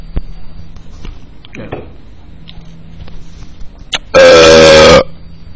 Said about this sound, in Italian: Minchia, non mi è uscito bene sto rutto, niente.